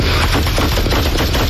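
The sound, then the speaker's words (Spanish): Rapid bursts of police gunfire crackle in quick succession, loud, a volley of shots fired one after another at a fleeing car, with no voices heard. “Ahí oye los disparos.”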